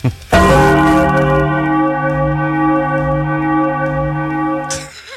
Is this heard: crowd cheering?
no